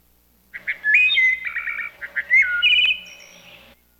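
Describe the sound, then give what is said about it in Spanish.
Small birds chirp and twitter in a quick, busy run of high, bright notes and short trills, lasting a few seconds with no voices, then fading out. “Cuando ese día acabaron su trabajo y quisieron regresar, no encontraron el camino, porque los pajarillos se habían comido el pan.”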